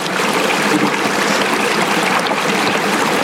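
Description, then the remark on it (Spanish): Carbonated mineral spring water trickles and splashes steadily, a bright, continuous bubbling flow with no voices over it. “Y esta agua de aquí es vida.”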